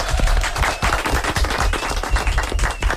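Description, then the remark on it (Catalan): A crowd applauds steadily for the whole stretch, dense overlapping claps forming a loud, crackling wash with a few sharper individual claps standing out, and no voices. “Molt bé, un aplaudiment, eh?”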